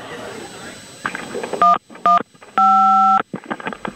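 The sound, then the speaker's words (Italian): Three electronic telephone keypad tones ring out loud and clear as a number is dialed, two short beeps followed by a longer held one, with indistinct voices murmuring between them. “Avete sentito i tasti del suo telefono?”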